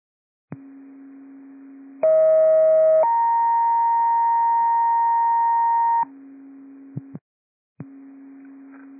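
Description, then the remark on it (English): Fire dispatch paging tones, sent as second tones for a burn complaint on TAC 8 at Cape Horn Drive: steady electronic pitches step from a low hum to a brief higher tone, then hold one long loud tone for about three seconds before dropping back, with no talking. “Second tones for burn complaint on TAC 8 at 41875 Cape Horn Drive.”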